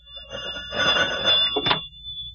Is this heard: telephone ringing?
yes